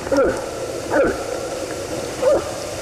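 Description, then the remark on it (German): A moose gives three short, hollow gulping calls, each a quick wavering note, spaced about a second apart over a steady low background hiss. “Ja, und jetzt hören Sie doch mal bitte, das klingt doch, als ob hier ein sehr großer Mann Bier aus einer Flasche trinkt, oder?”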